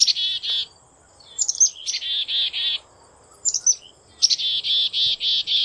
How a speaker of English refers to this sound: That's the familiar call of the black-capped chickadee. Throughout the year, the call of the chickadee acts as an early warning system.